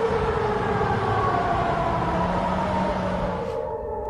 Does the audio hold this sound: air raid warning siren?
yes